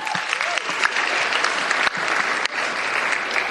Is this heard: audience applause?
yes